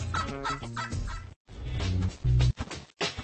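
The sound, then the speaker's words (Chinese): A male turkey gobbles loudly, a rapid, rattling warble delivered in a few bursts separated by brief pauses, with no talking. “因此雄火鸡肉垂的颜色越是鲜艳，它就越容易找到配偶。”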